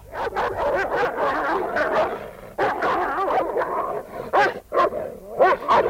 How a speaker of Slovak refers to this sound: Bojuje odvážne. Pozri, obidvoch našich psov zhodí.